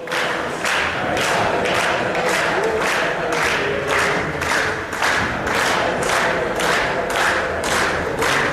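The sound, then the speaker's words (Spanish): A large crowd chants the 'Dale Depor' football cheer, with councillors at the front and Escotet also singing, in a steady, driving rhythm, with loud regular bursts about twice a second, like voices and claps landing together on each beat, continuing without pause. “El grito de dale Depor, ¿eh? Con los concejales sí, también al frente.”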